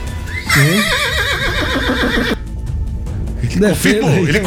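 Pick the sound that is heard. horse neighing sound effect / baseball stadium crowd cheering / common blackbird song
horse neighing sound effect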